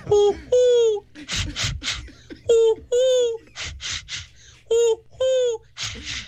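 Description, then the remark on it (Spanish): A person imitates birds, alternating drawn-out cooing dove calls with raspy, nasal duck quacks in quick clusters, repeated several times with no other talking. “mi talento oculto son dos animales.”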